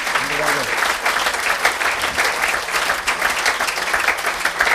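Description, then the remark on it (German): Sustained applause from a crowd, a dense steady wash of clapping that stays loud for the whole stretch, with a brief voice audible at the start. “Ja, Applaus.”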